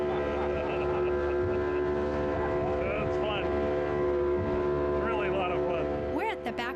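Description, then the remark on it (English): A tiny motorboat crammed with passengers speeds toward Bacardi Island on a snorkeling trip; its engine drones steadily and loudly throughout, with water rushing and slapping against the hull, spray and wind noise, while voices chatter faintly underneath. “This small boat shows up, we all cram in and take off.”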